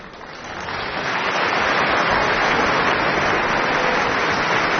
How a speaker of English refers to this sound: Applause for Jakob Brusche returning to the Covent Garden Orchestra pit to conduct the final act of Britten's Peter Grimes.